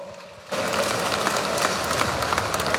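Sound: applause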